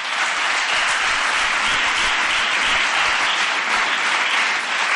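A crowd applauds steadily for the full five seconds, a dense, loud wash of many hands clapping with no pauses or speech.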